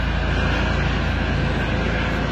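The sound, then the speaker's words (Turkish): A police helicopter circles in the sky searching for someone, in a steady, loud, unbroken roar of engine and rotor noise, with no voices, holding at a constant level throughout. “Videoda helikopter geziyor gökyüzünde.”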